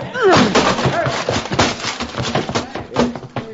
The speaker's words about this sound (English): Bust that door down.